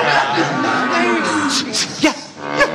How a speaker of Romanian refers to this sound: Ascultați, cântă privighetoare. Ce cântec fermecător. Mugește o vacă. Ce spui? Nu-i privighetoarea?